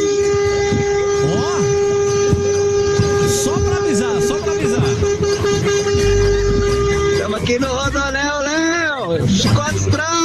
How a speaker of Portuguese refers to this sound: Tá vendo só, gente? Ó, os caras estão no rodoanel e buzinando.